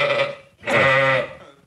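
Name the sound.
sheep bleating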